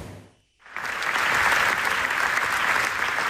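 A large crowd bursts into sustained, dense standing-ovation applause after a brief silence, the clapping loud and continuous throughout, filling a big reverberant hall at the 83rd Venice Film Festival premiere of the documentary Naza, which was applauded for 25 minutes.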